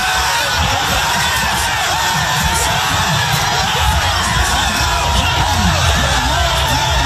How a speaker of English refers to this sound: The NYPD says more than 60 people were arrested after wild celebrations following the Knicks NBA championship.